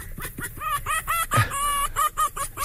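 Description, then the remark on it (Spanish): A female fox calling, a call known as tauteo, in a rapid series of short, harsh, nasal yelps with a strained, high-pitched ring, running on without pause and fairly loud, with no voices present. “el sonido de la hembra también se le llama tauteo”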